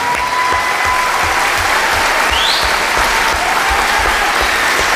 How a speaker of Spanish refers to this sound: Por favor, un fuerte aplauso para este señor medieval con tanta porquería encima.